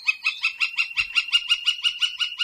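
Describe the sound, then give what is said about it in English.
A gilded flicker, a large tan, speckled woodpecker with a bright red moustache, gives a rapid, steady series of bright, sharp notes, about a dozen evenly spaced calls, loud, with no other sounds around it. “The gilded flicker is a large woodpecker, tan, speckled, and with a bright red moustache.”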